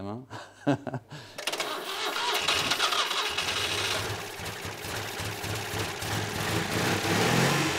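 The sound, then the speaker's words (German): A car engine is started with an external battery and an external oil feed because the car is not yet fully wired. It cranks and catches after a brief voice, then roars up loudly and keeps running with a rough, throbbing rumble. “Weil noch nicht alles verkabelt ist, müssen dieses Mal externe Batterie und Ölzulauf den Motor in Gang bringen.”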